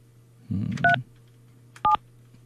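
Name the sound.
telephone DTMF dialing tones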